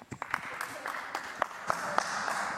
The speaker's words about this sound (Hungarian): Ügyes, írta tehát Schiffer András, köszönöm a figyelmet az ő nevében is, a Taps őt illeti.